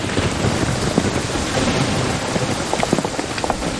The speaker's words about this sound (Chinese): 大嫂，团长说好像是要下雨啊，要不你和太太们先回，俺在这守着。 下雨？ 就是了， 省得吃烧饼噎着了。 对，这下有水了， 咱们还洗个澡呢。